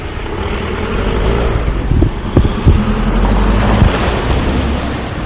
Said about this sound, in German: Aufgenommen wurde diesmal ein rasendes Auto.